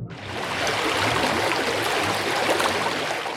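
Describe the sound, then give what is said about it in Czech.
Flowing river water rushes steadily, a dense, even wash of sound that holds constant throughout with no voices or other noises. “A sledujte řeku, děti, ať nenarazíme na mělčinu nebo nějaké naplaveniny.”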